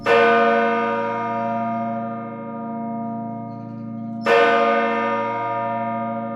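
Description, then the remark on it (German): A large church bell rings out twice, each loud strike followed by a long, rich humming decay with layered overtones. No voices, just the resonant bell. “Kaum einer weiß, wie der Klangaufbau bei den Glocken ist und kaum einer sieht auch die Glocken in voller Bewegung läuten.”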